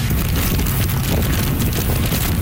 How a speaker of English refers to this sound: That's how the storm sounded in Keelung on the northern tip of the island. Heavy rain, along with wicked winds of 144 kilometers an hour, gusting to nearly 200.